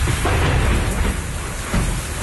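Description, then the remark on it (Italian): Heavy rain pours in a dense, steady roar, with a deep rumble of thunder rolling underneath throughout. It sounds loud, and no voices are heard. “La pioggia e le grandine hanno rovinato il tetto.”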